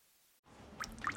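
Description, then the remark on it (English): After a moment of silence, water starts dripping steadily from a ceiling vent, with two or three distinct drops landing over a soft, wet hiss. “Hey, it's your ceiling vent, so I'm dripping. Could be the rain, could be the upstairs bathroom.”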